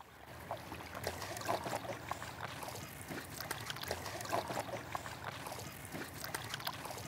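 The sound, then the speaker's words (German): A boat moves steadily through calm water between Melbeck and Lüneburg, Germany, with soft continuous lapping and gentle trickling splashes, a few brief brighter drips standing out over the smooth, even wash. “So, sitzen wir alle in einem Boot. Und los geht's.”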